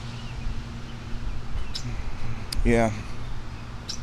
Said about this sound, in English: Hi, bird. Red-winged blackbird directly above me.